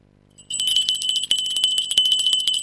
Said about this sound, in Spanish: suena la campanilla.